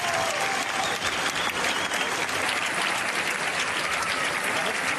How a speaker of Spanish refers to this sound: La innovadora adaptación emocionó al público presente, que respondió con cerca de 5 minutos de aplausos al finalizar la actuación.